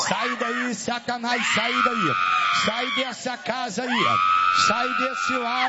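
A loud, strained voice yells, commanding Satan to leave a house, mixing rapid shouted phrases with two long, drawn-out screaming cries that stretch over several seconds each, with almost no pause between them.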